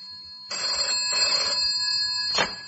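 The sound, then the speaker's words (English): A telephone in an office rings in a few short, shrill bursts separated by brief pauses, sounding clear, with no one speaking over it. “Phone in my office.”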